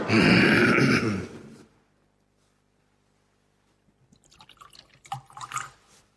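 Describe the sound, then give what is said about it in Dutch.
During a Dutch-language church liturgy, liquid pours briefly into a vessel, then after a quiet pause, small drips and faint clinks of water falling into wine in a chalice, with no voices. “Water en wijn worden één gedeeld ons mens zijn en neemt ons op in uw goddelijk leven.”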